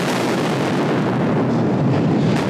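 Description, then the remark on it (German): An explosive blast at an underground tunnel dug into a mountain fills the space with a loud, dense roar that rumbles on steadily for a couple of seconds, heavy in the low end, with no voices. “Eine Staubwolke später riecht es leicht nach Ammoniak. Das ist so nach Explosionen, wird mir erklärt.”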